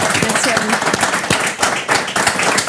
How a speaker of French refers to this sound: Très bien, parfait. On peut l'applaudir.